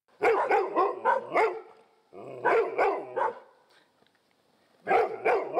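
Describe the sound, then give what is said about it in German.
Dogs bark loudly in three rapid bursts of sharp, repeated barks, with short quiet gaps between the volleys. No one speaks. The dogs are raising the alarm in Rheinbeek, in the Stormarn district, where burglars are about. “Die Vierbeiner in Rheinbeek bekommen jetzt wohl jedes Mal ein Leckerli, wenn sie Alarm schlagen.”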